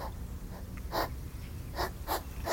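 A hedgehog snuffles in a back garden at night: short, breathy snorts in an uneven rhythm, four or five quick puffs over a low, steady background rumble.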